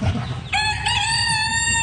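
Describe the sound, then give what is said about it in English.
A rooster crows loudly in one long sustained call, with chickens clucking and barnyard murmur underneath, in the education barn of a fair. “Man, these are funny looking birds.”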